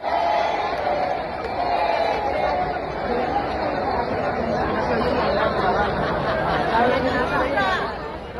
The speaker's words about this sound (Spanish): Este es el ambiente del concierto del viernes. El público gritaba que no se oye.